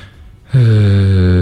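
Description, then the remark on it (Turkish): After a brief near-silent pause, a loud, steady snore sets in: one long, droning, buzzy breath that holds without a break to the end. “Esneyli boş ver, horlayan duyduk yani.”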